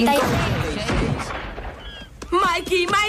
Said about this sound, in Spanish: ¡Eso han sido disparos! ¡No son como los de las películas de guerra! ¡Son disparos de verdad!